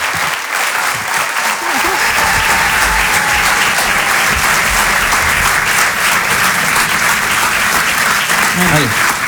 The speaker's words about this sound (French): Je vous demande de les applaudir très très fort, s'il vous plaît.